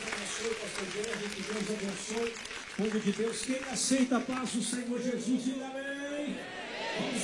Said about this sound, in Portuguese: Vamos receber o servo de Deus com palmas, bem forte, bem alegre.